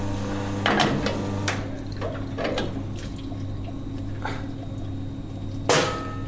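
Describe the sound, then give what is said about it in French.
Rinsing an espresso machine portafilter: splashing water with a series of sharp metallic knocks, the loudest near the end, over a steady low machine hum. No one speaks. “Donc là, je rince mon porte-filtre.”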